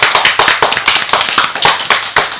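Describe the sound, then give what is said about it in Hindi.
Loud, steady applause from an audience for a poem just recited, a dense crackle of many hands clapping at once that keeps going throughout with no voices over it. “एक बार जोरदार तालियां हो जाए”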